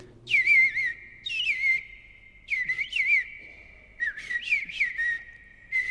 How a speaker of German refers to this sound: Aber der Eastern Bluebird oder auf Deutsch Rotkehl-Hüttensänger klingt ja wie eine Mischung aus Amsel und Misteldrossel, etwa so.